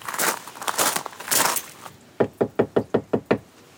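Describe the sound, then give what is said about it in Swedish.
A burst of rustling and handling noise, then a reporter knocks seven sharp, evenly spaced times on the door of a family's house in Målsta outside Östersund, fairly loud, with no talking. “Reporter Fredrik Alveland knackar på hos Jonathan Hagnestad med familj i Målsta utanför Östersund.”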